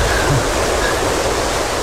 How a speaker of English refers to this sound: Fine. What was that? I guess we've seen the raging river. Indeed.